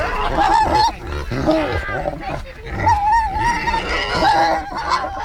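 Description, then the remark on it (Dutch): Pigs grunt and squeal in a busy, continuous chorus of snorts and high-pitched calls at a children's petting farm in a city park, wanting food as the ducks and geese are being fed, with some mixed voices and farmyard noise underneath. “Ja, de varkentjes hebben natuurlijk door dat de eenden en de ganzen worden gevoerd. Die willen ook wat.”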